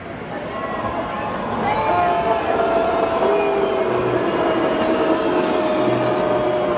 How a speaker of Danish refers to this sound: Det vi hører her, det er lyden fra publikum, da der på storskærmen kørte en tekst